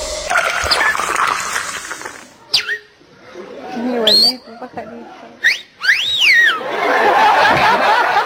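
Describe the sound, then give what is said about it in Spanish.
A person imitates a flirtatious female bird whistling: several short, playful phrases that swoop up and down, separated by brief pauses, with breathy, noisy vocal sounds before and after. “Y la pajarita toda coqueta le comienza a silbar, ¿no?”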